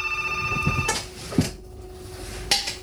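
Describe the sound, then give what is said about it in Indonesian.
A telephone on a call-in line rings with a steady electronic trill for under a second, then cuts off, followed by a few sharp clicks and clunks like a handset being picked up as a caller joins. “Dan kita masih lanjut terus gitu ya di line telepon. Ada yang sudah bergabung.”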